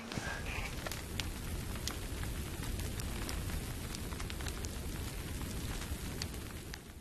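A campfire-style fire burning inside a house crackles steadily, with frequent sharp pops and snaps over a constant low rushing roar. The burning stays fairly loud throughout, and no one speaks.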